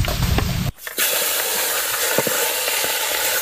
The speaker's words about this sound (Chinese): 王婆大虾，先过油锁住鲜味。这个过油火力虽然不大，但慢慢炸透还是没问题的。